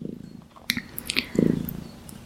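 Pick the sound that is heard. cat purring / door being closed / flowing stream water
cat purring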